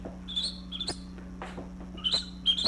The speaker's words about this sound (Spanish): Ah, papo, mano, aquí solo grillos se oyen, bella.